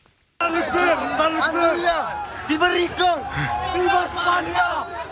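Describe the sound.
A large crowd shouts and yells continuously, many overlapping voices rising and falling together with a sense of urgent movement, loud, starting abruptly after a brief silence; the people run at full speed toward a hill in the Spanish exclave of Ceuta in North Africa, several jumping a fence and shouting "Viva España".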